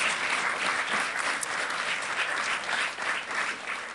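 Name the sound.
clapping applause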